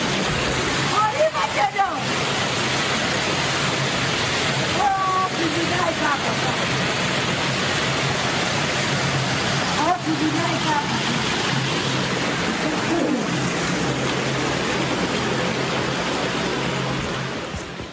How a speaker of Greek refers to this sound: Συγκλονιστικές είναι οι εικόνες από το Ρουκάνι Ηρακλείου, μία από τις περιοχές που δοκιμάστηκαν από την ισχυρή κακοκαιρία που έπληξε την Κρήτη. Βίντεο που καταγράφηκε την ώρα της ισχυρής καταιγίδας αποτυπώνει τη στιγμή που τα νερά έχουν εισβάλει σε